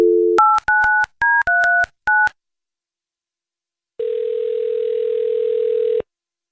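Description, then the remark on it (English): A telephone dial tone hums briefly, then a quick burst of touch-tone keypad beeps dials a number to call a man's wife on the Jesse and Anna radio show; after a short silence a steady ringback-like tone sounds for about two seconds. No one speaks. “Let's get your wife on the phone.”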